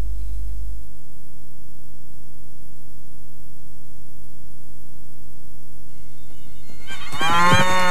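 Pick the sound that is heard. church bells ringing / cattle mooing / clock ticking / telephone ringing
cattle mooing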